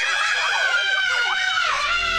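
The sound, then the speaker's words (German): Several people scream together on a roller coaster in loud, high-pitched, wavering cries that rise and fall, sustained for a couple of seconds. “Also gefühlt jeder sagt doch kurz vor der Achterbahn den immer gleichen Satz. Also heute schreie ich nicht.”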